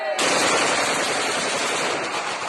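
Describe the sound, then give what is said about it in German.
Loud, dense bursts of rapid celebratory gunfire fired into the air at an Easter celebration in Sonjana, from a 2020 mobile phone video. The shots start abruptly and continue without pause, a harsh crackling barrage of overlapping shots that fills the whole stretch with no voices. “Dann fallen Schüsse, Balofies, Freudenschüsse.”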